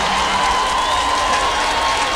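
A crowd at a live GQFM broadcast at Praça da Bandeira applauds steadily, a dense wash of many hands clapping at an even loudness for a couple of seconds, with faint cheering mixed in and a thin sustained tone running underneath.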